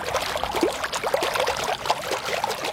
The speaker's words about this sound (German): Eine halbe Stunde vor Eröffnung des Schwimmbeckens direkt vor der Berliner Volksbühne plätschert der leere Pool noch vor sich hin. Die Wasserpumpe funktioniert